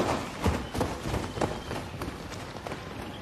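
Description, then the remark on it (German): Several people running, their quick footsteps thudding in a fast, uneven rhythm over a gritty outdoor surface, moderately loud. “Vielleicht können sie nicht rennen wie wir.”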